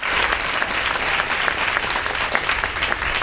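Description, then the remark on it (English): Steady audience applause, a dense wash of many hands clapping at an even, sustained loudness throughout, with no voices standing out above it. “I'll take that applause.”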